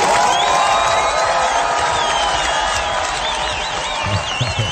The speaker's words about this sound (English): A round of applause for both of those winners. Well done, guys.